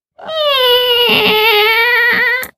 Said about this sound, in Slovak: A keď otvoríte starú, vrzgajúcu, ošarpanú bránu, dostanete sa do nášho kráľovstva.